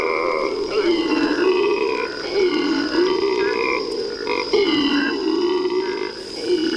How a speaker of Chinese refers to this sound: 这是伊贝拉湿地唯一的灵长类动物发出的声音，那就是吼猴。每天清晨，吼猴都会用叫声向其他猴群告知自己的位置。